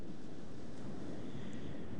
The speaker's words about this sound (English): We heard the last cut, which also begins and ends with ocean sounds.